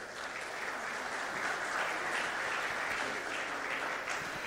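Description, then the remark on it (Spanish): Sustained audience applause welcoming Julio César Ávila, president of the Paralympic Committee of the Americas, as a panel speaker on inclusive sport, a dense steady wash of many hands clapping at an even loudness throughout, with no speech over it. “Un aplauso, por favor.”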